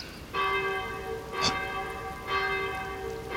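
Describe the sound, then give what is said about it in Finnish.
Church bells ring out in repeated strikes, each leaving a rich, sustained metallic hum of layered tones, over a steady background hiss that may be rain. “Minuutti, niin kellojen pitäisi soida.”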